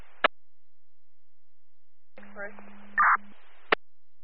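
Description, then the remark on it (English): Two sharp radio microphone keying clicks from an ambulance medic unit, one at the start and one near the end, bracket a short burst of garbled, unreadable transmission with a low steady hum on a dispatch radio channel. “All I'm getting is Mike Clicks from Medic 51.”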